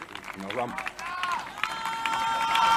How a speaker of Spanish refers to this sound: Ante los gritos y el aplauso que se escucha bueno, me parece